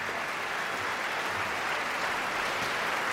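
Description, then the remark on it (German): Steady, dense applause from a large opera audience welcoming the cast of Nabucco back onto the stage, a continuous wash of clapping at an even loudness for the whole stretch, with no voices over it. “kommen jetzt noch einmal auf die Bühne und werden vom Publikum gebührend empfangen.”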